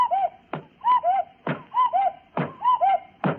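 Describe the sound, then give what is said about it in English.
A cuckoo clock sitting on top of a radio, turned back to 4 o'clock, sounds its two-note call four times in a steady rhythm, each mid-pitched 'cuck-oo' followed by a sharp, loud wooden thud, with no talking. “Gad, the cuckoo hit Lady Bensonhurst on the head 4 times.”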